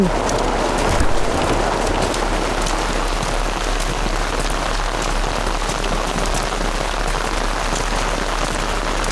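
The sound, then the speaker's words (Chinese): Steady, heavy rain pattering on a hard surface, a dense continuous hiss of drops that holds at an even loudness throughout, with no voices. “这山头啊，一下雨就塌方，谁知道会掉出这么个玩意儿？”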